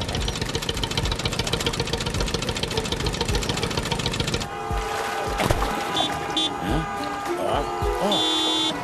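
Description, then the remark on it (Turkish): Rumbling, rattling car engines idle in badly congested stop-and-go traffic, a steady mechanical churn that breaks off midway into a sparser mix where a driver's short, bright car horn blasts sound twice over the idling. “Bilinçsiz bir sürücü yine kornaya basıyor. Trafik fena halde sıkışık sanırım.”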